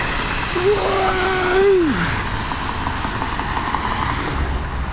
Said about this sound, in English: And this is fun because you can take cool pictures of these lights getting smeared, the oncoming traffic. Here comes oncoming traffic.